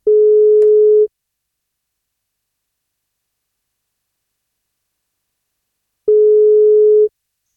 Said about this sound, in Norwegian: så må han svare på telefon, så da prøver vi å ringe til han.